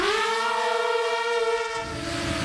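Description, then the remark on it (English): A loud, steady whine of an FPV drone, a rich buzzing tone holding one pitch for nearly two seconds before breaking into a rough, hissing rush of noise. No voices. “It's a sound that's come to define modern warfare.”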